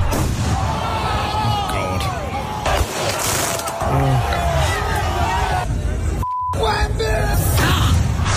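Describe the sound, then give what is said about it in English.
A dense street crowd in New York City roars and cheers continuously during Knicks title celebrations, voices overlapping in loud celebration, with occasional sharp bangs of fireworks popping through the noise. “They decided to get all the fireworks out. Have a listen to New York.”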